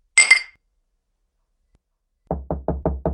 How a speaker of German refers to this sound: Lass uns anstoßen. Psatak, auf meine mutige Tochter.